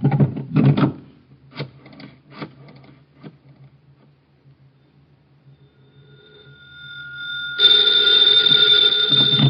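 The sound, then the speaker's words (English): A telephone receiver is lifted with a clatter, followed by a series of sharp dialing clicks, a faint hum, then a steady electronic tone that swells loud near the end. No one speaks. “Hand me the phone.”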